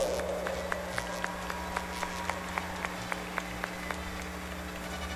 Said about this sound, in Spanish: Tanto para ellas como para las pequeñas que hicieron esta ejecución, vamos a brindarles un fuerte aplauso, merecido por cierto.